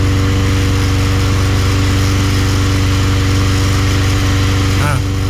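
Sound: lawn mower engine running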